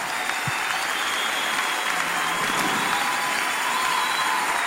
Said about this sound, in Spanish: A nuestro apóstol, más fuerte esas palmas.